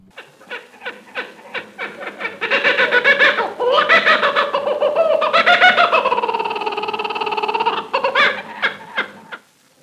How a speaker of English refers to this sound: The kookaburra is known to all bird lovers as the great brown kingfisher or laughing jackass.